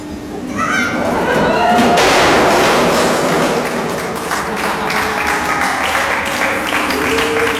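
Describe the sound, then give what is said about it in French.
A crowd breaks into sustained, loud applause to welcome a person arriving, dense clapping that swells quickly and keeps going for several seconds, with excited voices and shouts mixed in. “C'est sympa de m'accueillir en m'applaudissant.”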